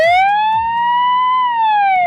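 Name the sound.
robot ambulance siren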